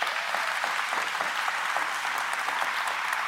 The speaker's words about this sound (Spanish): Al Señor que a cada uno de nosotros nos ha llamado, démosle un fuerte aplauso.